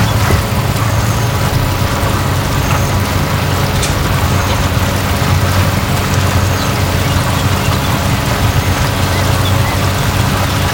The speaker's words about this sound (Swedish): Du lyssnar på ljudet av att tanka till klicket.